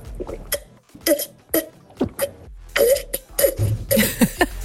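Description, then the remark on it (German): Someone drinks water from a wine glass in a run of about a dozen quick, uneven gulps and swallows, each a short throaty burst, with breathy sips and exhales between them and no talking. “Der macht nämlich mit ganz, ganz viel Stil Wasser aus dem Weinglas.”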